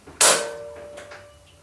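A sharp metallic clack of a lock snapping open rings out briefly, followed by a few softer clicks as a door that is hard to open is pushed, with no voices.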